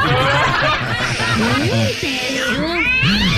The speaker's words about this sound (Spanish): Digo, ese gatito. Puro estar peleando el gatito, puro estar peleando.